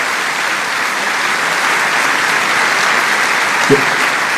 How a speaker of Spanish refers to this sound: Un fuerte aplauso de bienvenida a ustedes, santos hermanos.